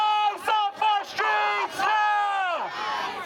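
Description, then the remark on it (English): A street protest crowd of demonstrators chants loudly in unison against a violent arrest, voices rising in short rhythmic bursts before holding a long shouted note that drops in pitch at the end. “Demonstrators took to the street in the hours afterwards to protest the violent arrest.”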